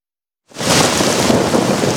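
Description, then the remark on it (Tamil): After a brief silence, heavy rain bursts in with thunder, a loud, steady roar of downpour that fills the rest of the short clip without letup. “ஆஹா, இந்த மழையால என் பயிர் பாதிச்சிருச்சே, இப்ப என்ன செய்யறது?”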